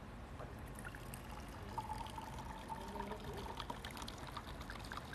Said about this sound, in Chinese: 来，我把它倒出来看一下啊。